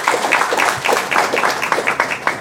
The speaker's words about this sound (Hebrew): יש לנו כאן שתי בנות נפלאות שהגיעו מהקריות, נכון? הגיעו מהקריות, כן, מחיאות כפיים היום, כן?